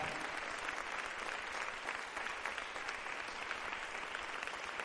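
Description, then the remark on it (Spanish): A church audience applauds together for the Lord, a dense, steady wash of many hands clapping at an even level for several seconds, with no voices standing out. “Démosle un fuerte aplauso al Señor, hermana, hermano.”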